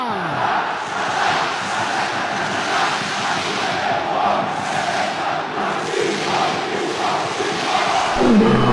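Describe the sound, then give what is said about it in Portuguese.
A large crowd of red-and-black supporters roars steadily in the stands of the Ilha do Retiro stadium before the match, a dense wall of shouting and chanting that holds loud and constant throughout, swelling slightly at the very end. “Este é o leão da Ilha do Retiro que faz tremer a arquibancada do estádio.”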